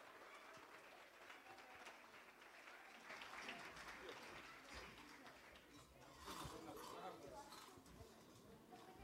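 An audience applauds steadily for several seconds to welcome the Saya Afroboliviana Chicaloma group from Sud Yungas, a dense wash of clapping that swells slightly midway and again near the end, with no one speaking over it.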